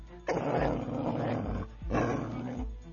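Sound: dog growling and barking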